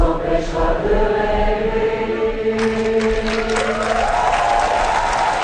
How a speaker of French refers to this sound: Et ça se termine ici, Miss. Ben oui, sur ces applaudissements.